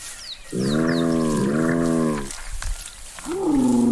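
Spotted hyenas call: a long, deep, droning moan with rich harmonics, then after a brief pause a rising whoop, with a few faint high chirps at the start.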